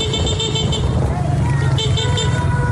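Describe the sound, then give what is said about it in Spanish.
Steady street traffic rumbles on an avenue in earthquake-hit La Guaira, recorded from inside a moving car, with sustained car horns sounding across the scene and voices murmuring underneath throughout. “Desde un coche graban una avenida en La Guaira, donde las torres de pisos están a punto de colapsar.”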